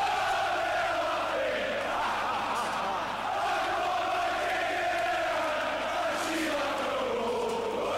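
A large stadium crowd at a Ghana football match roars continuously as a player takes a shot, a dense, loud wall of voices swelling and surging for the full stretch with no pauses.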